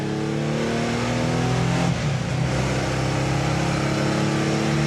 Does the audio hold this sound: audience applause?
no